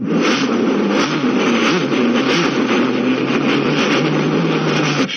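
A car engine runs loud, a steady rumbling drone whose pitch rises and dips slightly as it revs, continuing for about five seconds with no voices.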